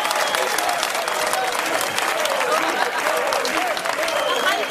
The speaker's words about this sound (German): jetzt gibt's wirklich den besten Applaus vom besten Publikum der Welt